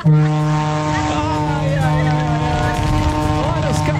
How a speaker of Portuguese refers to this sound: Olha a buzinona do maluco. Olha a buzinona do maluco.